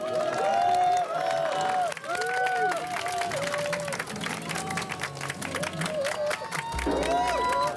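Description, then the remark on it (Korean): A crowd applauds steadily for several seconds, dense clapping filling the whole stretch while raised voices and cheers rise and fall over it, loud throughout, welcoming a group of elderly people from Pyeongchang onto a stage. “큰 힘이 될 수 있도록 평창 오영지 어르신들 금박수로 맞이해주십시오.”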